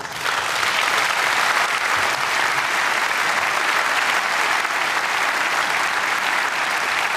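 Sustained audience applause, a dense, steady wash of clapping from many hands that holds at an even, fairly loud level for several seconds without any talking over it.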